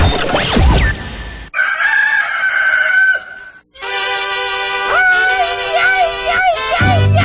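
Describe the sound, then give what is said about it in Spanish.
Loud crowing of roosters rings out in a few drawn-out calls, bright, mixed with other sustained tonal sounds and a brief gap of near silence midway. “Ya se escuchan los gallos, ya se escucha también en este grito ranchero.”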